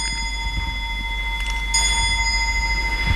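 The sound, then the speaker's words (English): An antique clock, about 200 years old, at the Woods Hole Public Library chimes, its bell tones ringing steadily and overlapping, with a fresh, brighter strike partway through over a low background hum. No one speaks. “Yes, the clock is about 200 years old.”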